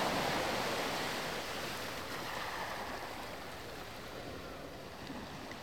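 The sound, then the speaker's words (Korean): Ocean waves wash onto the shore in a steady, broad roar of surf, slightly louder at first and easing off a little, with no voices present. “파도가 부서지는 소리를 들으며 떠오르는 것은 놓치고 온 것들, 되돌릴 수 없는 순간들이다.”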